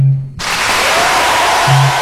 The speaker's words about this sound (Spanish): Aplausos, amigo, ¿qué te pasa? A ver, aplausos.